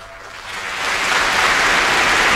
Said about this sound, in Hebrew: מחיאות כפיים שהתרחשו בברמן.